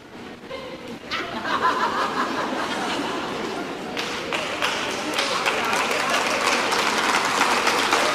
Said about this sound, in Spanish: Usted sabe por qué ustedes están aplaudiendo, ¿verdad? Porque no, hay un silencio.